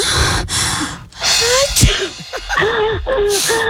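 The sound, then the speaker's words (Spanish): A single sudden, sharp sneeze, played over a telephone as part of a hearing test, bursts out partway through, set against a dense, noisy background of rustling and squeaky, wavering tones, with no speech. “Y ahí mismo como que alguien estornudó.”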